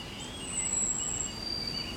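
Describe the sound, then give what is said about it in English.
Thin, high birdsong from several birds near Alston: a couple of sustained whistling notes drawn out over a steady low hiss of outdoor background noise, with no clear rustling of leaves and no voices. “Vögel, Bewegungen in den Bäumen.”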